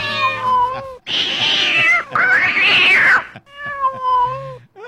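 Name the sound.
cat meowing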